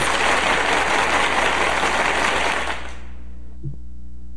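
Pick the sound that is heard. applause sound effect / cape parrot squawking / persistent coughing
applause sound effect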